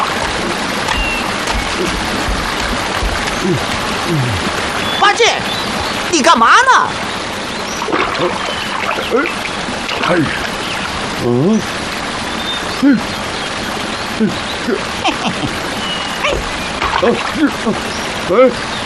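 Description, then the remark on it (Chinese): A large river flows in a steady, broad rushing wash that fills the whole clip at an even loudness, with a few brief voices and splashy bursts rising over it. “哦， 师傅说的对，果然有条大河。”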